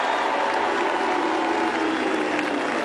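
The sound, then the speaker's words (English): An audience at a parade breaks into dense, steady applause and cheering for Fremantle captain Alex Pearce, a thick wash of many hands clapping at constant loudness for about three seconds, with the murmur of the crowd blended underneath. “Give it up for Alex Pearce, the Fremantle captain.”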